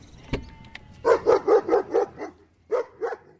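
A dog lets out a quick string of about six sharp barks, pauses, then adds two more, with a brief click just before the barking starts and no voices.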